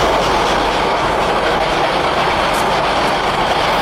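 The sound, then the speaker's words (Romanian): An electric locomotive rumbles steadily along the rails, a loud continuous roar of motor and wheels with a faint rhythmic clatter, no voices. “Ce mică, frate, asta e locomotivă electrică.”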